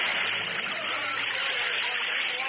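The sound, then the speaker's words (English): Water bubbles and churns steadily with a constant rushing, hissing wash, loud, continuing evenly throughout without any voices. “Look, the water bubbles.”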